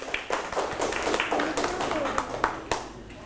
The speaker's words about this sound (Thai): เป็นข้อคิดที่ดีปรบมือให้เพื่อนครับ